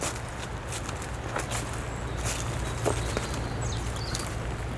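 Footsteps crunch and rustle through a carpet of dead leaves in the Estérel massif, in an uneven rhythm, with a steady low rumble underneath and a few faint high chirps. No one speaks.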